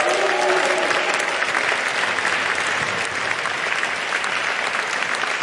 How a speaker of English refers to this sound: Big round of applause for him.